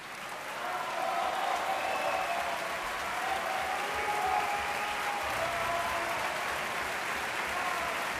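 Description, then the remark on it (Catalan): Sustained, dense applause from a large opera audience as singers Xavier Anduaga and Cristina Stanek come out to take their bow, steady and loud, with shouts of bravo rising faintly above the clapping. “Sentiu els bravos i els aplaudiments a Xavier Anduaga i a Cristina Stanek, que ha fet un gran paper de Charlotte”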